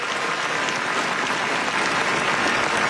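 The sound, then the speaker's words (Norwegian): Thousands of people gathered on the palace square, holding up Norwegian flags, applaud steadily as King Håkon and Queen Mette Marit wave from the palace balcony; a dense continuous wash of clapping with no talk over it. “De vinker och det är stor applaus från slottsplatsen.”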